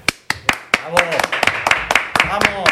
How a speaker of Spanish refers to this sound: Cada día suena más cutre el tema de los aplausos.